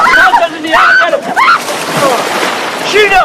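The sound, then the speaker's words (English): People splash and plunge into water amid excited shouts and whoops; one person is playfully shoved, another is flung into the water, then a third dives in. Wet churning and sloshing run throughout under the loud voices. “Ferris playfully shoves Cameron, then flings Sloan into the water before diving in.”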